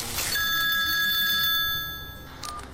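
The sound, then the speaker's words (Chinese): A telephone rings with a steady, bright electronic tone that holds for about two seconds before fading out. It is clear, with no one speaking. “他连忙给何家安打来电话。”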